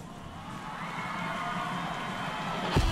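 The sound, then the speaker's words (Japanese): A crowd cheering steadily, a broad wash of many voices with whoops and shouts mixed in, swelling slightly toward the end with a brief louder burst. “歓声が聞こえてきました。”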